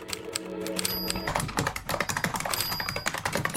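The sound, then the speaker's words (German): Rapid typing on keyboard keys, a dense stream of sharp clicks with an uneven rhythm, joined by faint high steady tones in the background. “Tippen, Tasten, Funken.”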